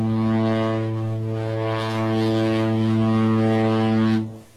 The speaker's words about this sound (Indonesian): Saat mesin kapal menderu lebih keras dan air di buritan mulai berbuih putih, perlahan namun pasti jarak membentang.